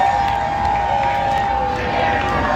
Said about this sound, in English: 11:30's … spoke to fans who were cheering on the home side outside BC Place.